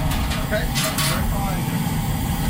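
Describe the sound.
Propane burners for cooking lobster roar steadily under a big open-air roof just outside the back door of the Shore Club kitchen, a dense low rumble with a brief hissing surge near the start, while muffled voices sit faintly under the noise.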